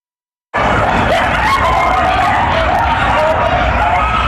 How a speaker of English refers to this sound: We're back with coyotes howling from this abandoned construction site in West Hollywood. Neighbors call it the coyote condo. Several of the animals making themselves at home.